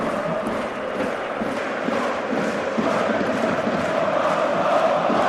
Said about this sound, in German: Und dann ist Omari dazwischen, klärt per Grätsche zur Ecke für die Freiburger. Und es gibt nochmal Applaus der eigenen Fans.